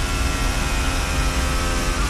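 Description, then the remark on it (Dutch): A loud, steady mechanical roar with a constant hum from a Formula 1 car engine held at high revs, downshifting to recharge the battery as the car heads toward the Blanchimont corner, running continuously for a couple of seconds with no voices. “Hier schakelt hij zelfs terug. Om maar die accu een klein beetje op te laden.”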